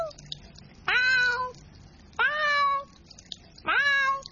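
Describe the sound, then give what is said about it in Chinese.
A cat named Mimi meows three times at a steady pace, each call a loud, drawn-out cry that slides downward in pitch, with short quiet gaps between them, while its owner tries to clean the fish tank. “猫猫猫 猫！哎呀，你唔好阻住我啦，我想洗一下个鱼缸啊！”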